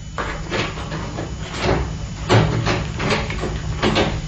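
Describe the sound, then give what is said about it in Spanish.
The door of Rayo de Plata's room, fitted with a new lock, is unlocked and swung open, with a series of sharp mechanical clicks and scraping knocks over a few seconds, no voices. “Al abrir Rayo de Plata la puerta de su cuarto, el comisario Diegues desenfundó su pistola lleno de desconfianza y de temor.”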